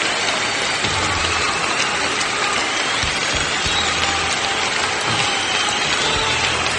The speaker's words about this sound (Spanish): Gran aplauso.